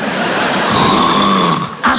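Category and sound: human body sound, snoring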